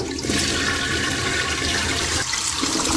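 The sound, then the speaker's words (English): A toilet flushes loudly, a steady rushing gush of water that fills the whole few seconds, with a slight dip and surge near the end as the bowl drains. “Courtesy flush!”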